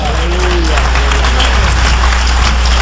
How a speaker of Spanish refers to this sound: Jesucristo es el Señor. Dale un aplauso al Cordero de Dios.